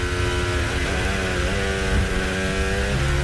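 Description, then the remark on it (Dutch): A racing car engine screams at high revs on a lap, its pitch rising and dipping as it shifts through gears, loud with a steady roar and no voices. “Ik zie nog een toefje te veel onderstuur op die auto. Even luisteren.”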